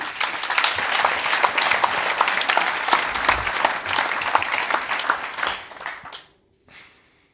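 An audience applauds steadily for about six seconds as the chair of the Dutch sports organisations' body MOS is welcomed to open the event, a dense patter of many hands clapping that fades out, followed by a brief faint tail after a short gap.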